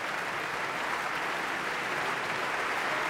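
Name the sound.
concert hall audience applauding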